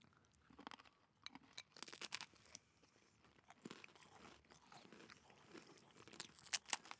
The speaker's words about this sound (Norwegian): Det er fra der med tyggelyder. Jeg merker at jeg smaker mer av kjeksen fortsatt.